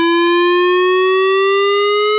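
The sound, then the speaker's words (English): A loud, steady emergency warning siren test in the Red Lynch Valley, Brinsmead and Freshwater areas of Cairns sounds alone, one sustained wailing tone that rises very slightly in pitch across a couple of seconds, rich in strong harmonics. “If you'll be in these areas during this time, please be prepared as you'll hear a siren sounding like this.”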